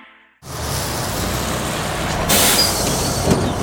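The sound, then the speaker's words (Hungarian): The air brake of one of Kaposvár's 13 new all-electric BYD buses lets out a loud, sustained hiss that starts abruptly after a brief quiet moment, swelling briefly partway through. No one speaks. “13 új, tisztán elektromos BYD busz állt forgalomba Kaposváron, a már ugyancsak közlekedő két MAN MIDI busz mellett.”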